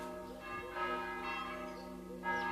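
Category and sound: signal or alarm, church bells ringing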